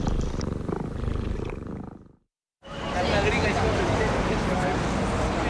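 A cat listening to Rádio Proglas purrs in a steady, rumbling rhythm for about two seconds, then a short silence gives way to a dense, loud wash of sound.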